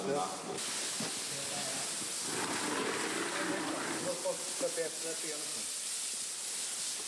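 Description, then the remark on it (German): A steady, loud hiss of hoses spraying water and foam over a train as a work crew of four men with buckets, canisters, brushes and hoses foams it, scrubs it and rinses it off, several times over, with faint voices and clatter in the background. “Sie schäumen den Zug jetzt ein, schrubben, spülen ihn wieder ab und das mehrfach.”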